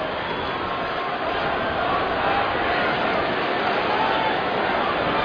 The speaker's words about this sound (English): Crowd starting to get activated a little bit here.